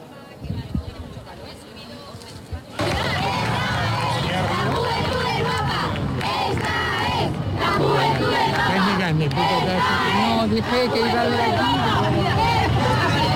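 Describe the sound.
After a few quiet seconds, a large crowd of young people at the Royal Palace in Madrid bursts into loud, sustained shouting and cheering as the Pope arrives, a dense roar of overlapping yells that continues steadily to the end.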